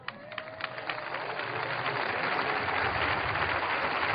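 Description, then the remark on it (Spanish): An audience at a church service breaks into applause offered to Jesus Christ, starting with a few scattered claps and swelling into steady, dense clapping from many hands that grows louder and fills the whole clip. “Cuando aplauda, diga, el aplauso es para ti, Jesucristo.”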